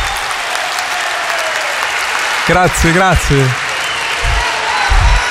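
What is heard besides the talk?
audience applause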